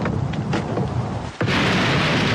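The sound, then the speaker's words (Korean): Heavy rain pours down steadily in a dense, hissing wash during a lightning storm, with low rumbling thunder rolling beneath it and a brief dip before the downpour surges back even stronger. “번쩍이는 번개에 장대 같은 빗줄기가 멀리서도 똑똑히 보인다.”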